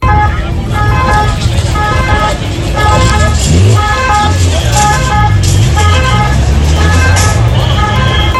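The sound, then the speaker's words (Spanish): Red Cross ambulance sirens sound in repeated steady tones as they attend people injured by bull horns at the Saca festival, over loud, constant street noise with engine rumble and murmuring voices throughout. “El sonido de las ambulancias de Cruz Roja que atendían a estos heridos de los que estamos hablando.”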